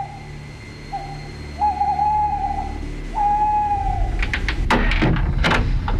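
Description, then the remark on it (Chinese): Three owl calls imitated by a human voice at night in front of a house, a short one followed by two longer, steady hoots, then a few knocking or shuffling sounds. “夜，杨再彪趁着夜色的掩护悄悄摸下山，他来到一处民宅前，学了三声猫头鹰叫。”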